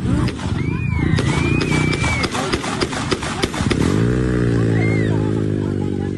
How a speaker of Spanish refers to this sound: Esos son los tiros, Prato. Los chicos gritando, la gente que sale corriendo despavorido porque no entiende qué pasó. Pero sentí los tiros, sentí.